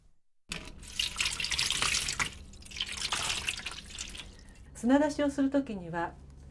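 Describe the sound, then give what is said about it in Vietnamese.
Live clams being soaked under running water so they release sand and grit, a steady splashing and trickling into a sink or bowl for a few seconds, followed by a short burst of someone speaking. “Trước tiên thì chúng ta phải ngâm ngao sống vào nước để chúng nhả hết cát và sạn.”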